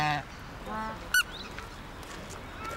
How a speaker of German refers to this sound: Gänse, so.